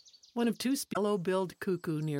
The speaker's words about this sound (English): This staccato call tells us there's a yellow-billed cuckoo nearby.